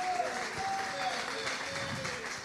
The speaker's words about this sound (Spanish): ¿Cuántos alaban a Dios, hermano? Dele palmas de alabanza a Cristo en esta hermosa tarde.